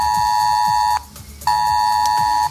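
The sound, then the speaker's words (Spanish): A loud, steady emergency alert tone on mobile phones in the Region of Murcia, Spain, blares in two long blasts of about a second each, split by a short gap, with a harsh buzzing harmonic quality and no talking. “Así que felices de poder contar buenas noticias en un día en el que las alertas han vuelto a sonar en los teléfonos de la región de Murcia.”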